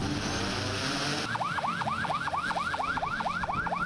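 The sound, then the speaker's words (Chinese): After a second of broad outdoor noise, a law enforcement patrol boat's siren starts a rapid, repeating yelp, about eight loud cycles per two seconds, continuing to the end. The boats are setting off at Xinghai Bay to launch a joint police, marine fisheries, maritime and coast guard crackdown on illegal fishing. “随着出发指令下达，执法船艇鸣笛起航，无人机升空巡查，执法车辆同步出动。”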